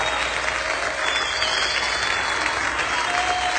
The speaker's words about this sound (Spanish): Te aplaudimos a ti, Jesús. Alabanza y honor a ti, Señor.